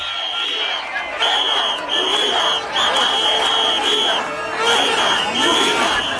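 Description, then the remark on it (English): A large crowd of protesters in Ceuta, carrying Spanish flags, shouts slogans such as 'Ceuta will never be defeated' and 'invaders go home' in a dense, loud roar of many voices, with repeated chant-like bursts and shrill, sustained high tones running steadily through all six seconds. “Carrying Spanish flags, they shouted a unified Ceuta will never be defeated and invaders go home, referring to the migrants still in the territory.”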